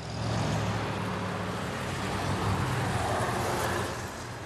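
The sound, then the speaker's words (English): A motorcycle drives past, its loud engine roaring steadily for several seconds before starting to fade at the end, with no one speaking. “Well, that was your daddy that just drove by.”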